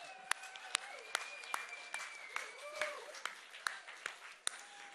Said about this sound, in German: Also einmal Applaus für euch. Ihr seid der Hammer.